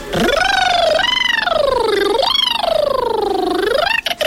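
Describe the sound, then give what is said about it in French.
A voice imitates a siren, sliding its pitch up and down in three smooth, sweeping wails. It is continuous and fairly loud, with no talking. “Avec la sirène, du coup, on monte en...”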